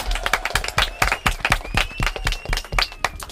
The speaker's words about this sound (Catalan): Uau! Vinga, un aplaudiment!